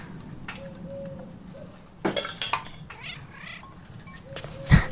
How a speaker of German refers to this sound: Nur eine streunende Katze.